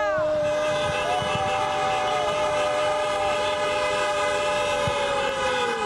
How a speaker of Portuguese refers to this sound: Entrou livre para dentro da grande área, não há ninguém a marcar, tocou do outro lado, para chutar, é gol! Gol! Buzina!